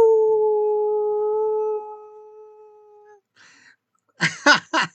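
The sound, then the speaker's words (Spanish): A radio host on the station Digital Láser imitates a howl in celebration: one long, steady, fairly high-pitched tone held for about three seconds that fades out, followed by three short, loud, yip-like bursts. “Realmente yo lo festejo con aullidos.”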